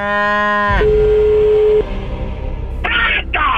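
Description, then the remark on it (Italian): A loud cow moo, a single drawn-out bellow that gives way to a steady droning tone, followed near the end by a couple of short hissy noise bursts. “Sono il dottor Strange, abbiamo preso la mucca, eh?”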